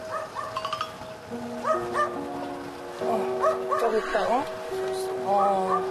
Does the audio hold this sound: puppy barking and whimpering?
yes